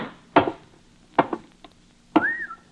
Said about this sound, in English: Inner door is still closed. Let's hope it'll open. Ah, that will.